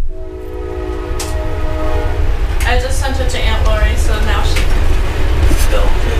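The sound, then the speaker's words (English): A train rumbles past, its horn blaring in one long sustained blast before giving way to heavy clattering and rolling noise, with faint voices mixed in. “Oh, we got a train coming.”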